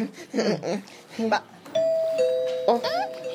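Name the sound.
doorbell ringing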